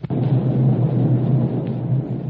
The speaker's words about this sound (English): Just off starboard. You can see Galto Island coming in view. And those explosions are coming from Galto Island. I don't like the sound of it.